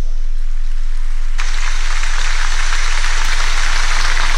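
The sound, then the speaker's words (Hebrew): A burst of loud, sustained applause erupts suddenly from an audience of families and continues as a dense, steady wash of clapping with no voices, applauding a call for a state commission of inquiry. “מחיאות כפיים סוערות בקהל של המשפחות”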